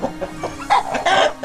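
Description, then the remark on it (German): A chicken clucks in a run of short, throaty calls, the last few louder and more insistent, with no talking. “Welches Huhn ist ein preisgekröntes Huhn?”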